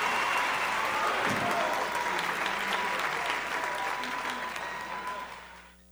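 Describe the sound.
An audience applauds steadily, a dense wash of clapping that holds loud for several seconds before trailing off at the end, with a faint murmur of voices beneath.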